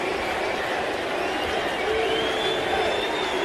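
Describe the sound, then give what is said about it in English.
A sellout baseball crowd at PNC Park in Pittsburgh cheers and hollers in a steady, dense roar, with scattered whistles and shouts rising above the wash of voices throughout, as Cubs fans celebrate Crow Armstrong's home run. “And it has been the Cubs fans hooting and hollering tonight.”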